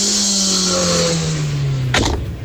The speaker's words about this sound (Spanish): Es auto, vehículo